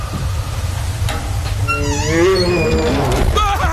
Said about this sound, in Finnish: Karhu! Jore, leiki kuollutta.